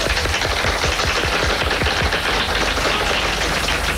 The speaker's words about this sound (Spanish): Él está aquí triunfando, arrasando con unas críticas magníficas, paseando a Miss Daisy. Ildefonso Tamayo, un fuerte aplauso.